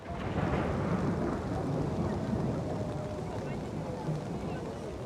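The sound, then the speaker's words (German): Steady rain pours down on a town in Estonia in a dense, unbroken hiss, loud, with a low rumbling undertone running through it, as singers in national costume are about to move through the town to a song festival; no distinct voices stand out. “Und dann regnet es.”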